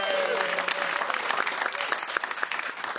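An audience applauds steadily for about three seconds, a dense, even patter of many hands clapping at a fairly loud, constant level with no voices standing out.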